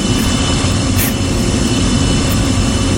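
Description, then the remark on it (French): A loud, steady jet engine roar fills the whole stretch, deep rumble underneath with a broad hissing wash on top, like an airplane powering up for takeoff. “Bienvenue dans l'avion Air Combal 948.”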